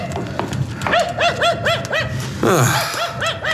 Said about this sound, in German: Versuchen Sie dann auch, den Hund etwas zu beruhigen.